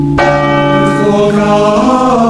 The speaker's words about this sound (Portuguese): Escuto os sinos da catedral.